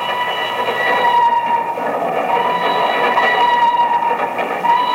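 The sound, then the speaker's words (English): A train rolls steadily along the rails across a trestle over a deep gorge between two mountains in Nigeria, West Africa, near midnight, in a continuous, loud rumble, with a faint metallic squeal and rhythmic clatter running underneath, unbroken throughout. “Two men stand on the swaying observation platform of a train which winds its way across a yawning chasm between two mountains.”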